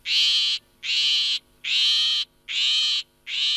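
A shrike gives a series of harsh, raspy calls, about five evenly spaced bursts of roughly half a second each, loud, with short pauses between them and no one speaking.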